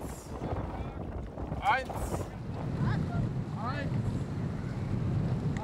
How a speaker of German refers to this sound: Mindestens 6 Personen müssen pro Boot zusammenkommen, um genug Paddelkraft für die Tour zu haben. Wichtig ist, immer schön synchron bleiben.